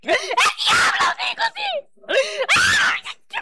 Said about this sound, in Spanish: Oye, Satanás, ¿qué te está pasando? ¿Por qué gritas? ¿Por qué gritas?